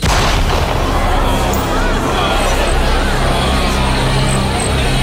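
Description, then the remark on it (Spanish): A terrifying, supernatural sound cuts through the jungle: a deep roar like thunder or a beast rumbles loudly and without pause for about five seconds, its heavy low-end boom churning beneath a harsh, noisy wash that gives it an eerie, unsettling quality. “Parecía un trueno o el rugido de una bestia.”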